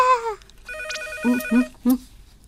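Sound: telephone ringing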